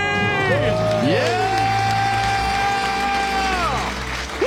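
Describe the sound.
A loud crowd cheers and whoops, overlapping voices rising and falling in shouts, with a steady wash of applause underneath throughout, after a counted-down debt-free scream.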